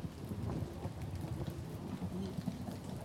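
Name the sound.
rain with thunder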